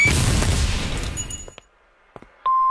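A loud fireworks blast roars and fades over about a second and a half, followed by a few sharp, scattered pops, then a steady electronic tone cuts in at the end.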